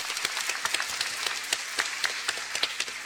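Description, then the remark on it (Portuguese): A crowd applauds steadily to welcome the people from Parque Teixeira Soares as they stand, many hands clapping in a dense, bright patter with no voices over it. “O Parque Teixeira Soares, o pessoal do parque fica de pé, uma salva de palmas, bem-vindos.”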